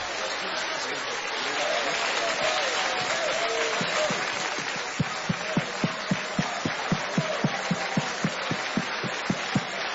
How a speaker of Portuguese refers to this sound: Mais alegres são nós para Jesus. Pode bater bem forte, bem forte. Mais fortes, mais alegres as palmas, porque são para Jesus Cristo.